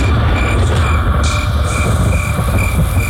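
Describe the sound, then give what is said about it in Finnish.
A dense chorus of frogs croaking, steady and continuous, with a repeating higher trill pulsing over a rumbling low drone throughout. “sammakot.”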